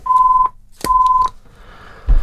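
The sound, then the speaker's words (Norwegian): A telephone rings with two short, steady electronic tones during a bingo game, one after the other, each with a soft click at its start and end. It is fairly loud, with no talking. “Og der ringer det”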